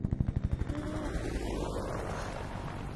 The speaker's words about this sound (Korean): 아, 헬리콥터 소리.